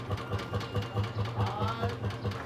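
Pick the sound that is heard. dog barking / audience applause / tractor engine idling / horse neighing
tractor engine idling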